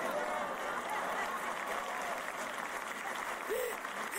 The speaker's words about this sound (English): Then, go ahead, clap.